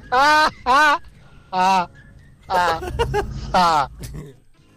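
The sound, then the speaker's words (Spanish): A person imitates a horse whinnying with a series of quivering, high-pitched neighs in short bursts, with some rougher noise between the later calls. “Y que hable el caballo ese”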